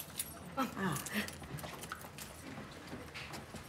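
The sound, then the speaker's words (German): Quiet metallic clicking and rattling of a key being worked into the lock of a room door and turned, with a few sharp clicks spread across a few seconds and a faint voice or whine in the background. “Ich habe das Zimmer, aber keinen Schlüssel. Ach, nee, wir haben, Passt der Schlüssel auch da?”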